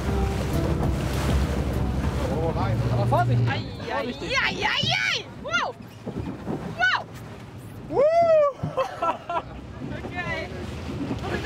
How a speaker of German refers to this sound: Der 150 PS Motor brummt zufrieden. Besser kann eine Jungfernfahrt kaum laufen.